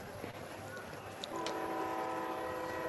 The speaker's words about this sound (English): The rare train coming through this time of the day in Granville, echoing across the mountainside. It's a good sound. I like it.